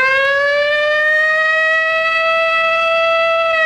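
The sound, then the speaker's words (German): A loud, steady civil defense siren in Bremen, Germany, the same siren as in the nationwide warning test, set off at midday during maintenance work. It wails continuously, its tone slowly rising in pitch with strong harmonics, with no voices present. “Auf einmal ging hier dieser Feueralarm los, diese Sirene, die wir alle vom bundesweiten Warntest kennen.”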